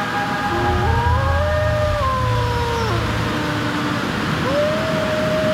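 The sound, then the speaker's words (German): Wolves howling at night, the howls echoing from all sides of a valley, several long, wavering tones rising and falling and overlapping one another, sustained over a steady rushing background noise, with a fresh howl starting near the end. “Mein Freund, der Wolf, war noch immer in der Nähe. Schauerlich hallte sein Heulen von allen Seiten des Tals.”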